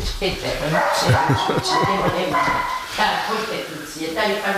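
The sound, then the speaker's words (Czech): A dog gives a string of short, excited yips and barks, overlapping with people talking in the foreground. “Takže čeká nám tady do toho nějaký pes. Náš, to je váš pes?”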